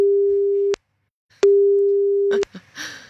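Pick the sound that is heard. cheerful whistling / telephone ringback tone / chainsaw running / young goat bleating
telephone ringback tone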